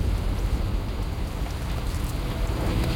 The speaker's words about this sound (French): La pluie qui s'était tant fait attendre les premières semaines est à présent omniprésente. Elle est devenue source de nuisances. Tout est détrempé sur le radeau.